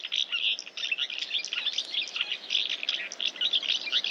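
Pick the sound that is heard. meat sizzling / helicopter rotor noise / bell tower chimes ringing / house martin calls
house martin calls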